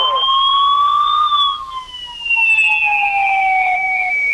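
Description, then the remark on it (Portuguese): A loud siren wails steadily at the fire brigade station of the municipality of Orleans during the morning shift change at 8:10, its tone rising briefly and then slowly sliding lower, continuous for the whole stretch with no talking over it. “Aí, com o suor da sirene, a troca de efetivo acontecendo aqui no quartel do Corpo de Bombeiros do município de Orleans.”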